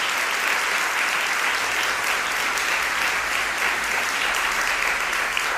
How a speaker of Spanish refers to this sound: pero claro, es que también se merecen un aplauso.